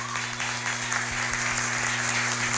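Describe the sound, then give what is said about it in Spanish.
Steady, dense audience applause for all the participants of a contest fills the whole stretch, many hands clapping at once with no pauses, accompanied by a constant low electrical hum. The event is broadcast on Radio Pichincha 95.3 FM. “Y para todos los participantes, más fuerte el aplauso, por favor.”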